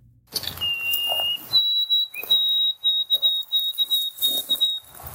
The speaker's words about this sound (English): So for those who aren't familiar with it, let's play the original song of the white-throated sparrow.